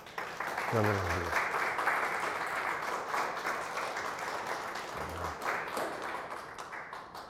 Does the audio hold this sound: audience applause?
yes